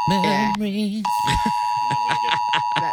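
A loud, harsh buzzer sounds in two back-to-back bursts of about half a second each, followed by people talking over a faint steady tone.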